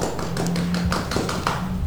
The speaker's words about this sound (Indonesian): Tepuk tangan dulu dong untuk kita semua.